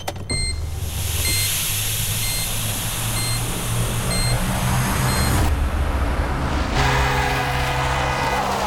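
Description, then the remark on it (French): A car engine rumbles steadily in street traffic, the car blocking the way, while a high, evenly spaced beeping repeats about once a second, then the noise shifts to a different hum near the end. No one speaks. “Tu vas la bouger, ta voiture ? T'as pas vu que tu bougeais le passage ?”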